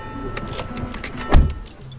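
Someone gets into the front of a car on the island of Groix: soft rustling and light jangling of keys, then a single heavy thud like a car door shutting partway through, with quiet cabin noise continuing afterward.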